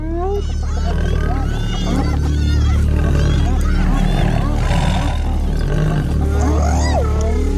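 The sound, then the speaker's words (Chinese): Lions roar and growl in deep, rumbling bursts on the African savanna as a pride charges spotted hyenas, overlapping a busy chorus of high, sweeping yelps and whooping cries. The mix stays loud and continuous throughout, with no voices. “嘿，快看，其他狮子过来”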